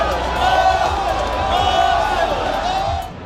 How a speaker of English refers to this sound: There's been fireworks and pink smoke, and everyone is cheering. The atmosphere is really electric.